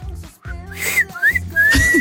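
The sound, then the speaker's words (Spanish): A person whistles a short, clear melody of a few rising and gliding notes, with a low steady background hum underneath and no talking. “No, bueno, sé chiflar así, pero”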